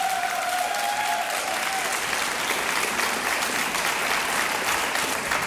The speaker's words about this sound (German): Frenetischen Applaus unserer Gäste hier im Saal.